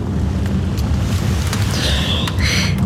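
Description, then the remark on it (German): A thunderstorm: heavy, steady, dense rain and roaring wind over a deep low rumble, loud and continuous, with a thin whistling gust rising near the end. “Ein fürchterliches Wetter haben Sie mitgebracht. Ja. Gewitter sind eigentlich höchst ungewöhnlich in dieser Jahreszeit.”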